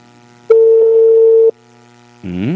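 A single steady telephone ringback tone sounds for about a second, clear and even, followed by a pause and then the start of a voice speaking.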